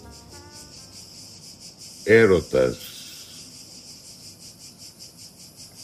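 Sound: cicadas chirping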